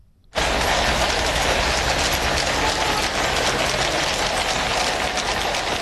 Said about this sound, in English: Horses' hooves there, and because it's London, the gentle sound of rain.